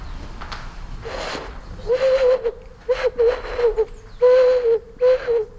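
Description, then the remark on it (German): Several short, breathy hooting tones blown across a snail shell, each a steady owl-like note, repeated in a loose rhythm with no talking. “Könnte man fast meinen, man macht eine Eule nach.”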